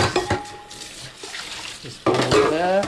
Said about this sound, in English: He's loading up the dishwasher.